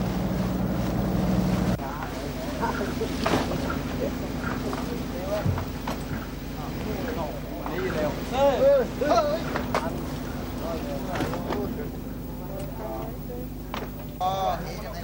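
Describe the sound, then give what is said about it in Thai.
A busy harbor scene: a steady boat engine drones beneath irregular knocks and clatter, with scattered shouts and chattering voices as fishing boats unload fish, mostly short mackerel and Indian mackerel, at a fish landing pier beside Khao Mong Rai in March. “ที่ท่าขึ้นปลาข้างเขาม่องไร่ในเดือนมีนาคมปีนี้มีเรือประมงเข้ามาลอยลำขึ้นปลาอย่างคึกคัก”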